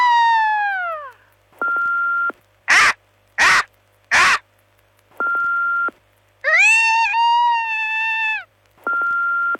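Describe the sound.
People take turns imitating the call of Max the Bald Eagle, Marathon's mascot, with strained, screechy cries, separated by steady electronic beeps and three short, harsh bursts in the middle.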